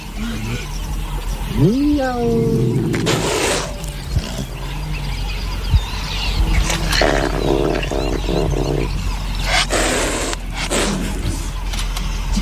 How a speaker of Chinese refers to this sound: 搜猫的低吼是对猎豹的警告，两只猫科动物都不肯让步。